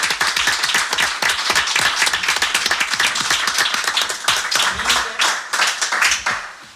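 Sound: audience applause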